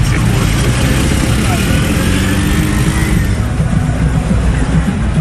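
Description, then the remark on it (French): Busy city street traffic in Kinshasa after rain, with trucks and three-wheeled motorbikes, a steady, loud rumble of engines passing by, with indistinct voices murmuring underneath throughout. “Terrasse avec musique, néon, vendeur sur le bord de la route, camion improbable et moto à trois.”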